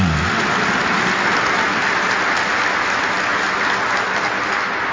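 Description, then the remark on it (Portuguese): Sustained applause from a large crowd at a Catholic Mass, given to Our Lady Aparecida, a dense, steady wash of clapping that fills the whole stretch at an even, fairly loud level with no voices standing out. “então vamos bater mais uma salva de palmas, dar uma salva de palmas à Senhora Aparecida.”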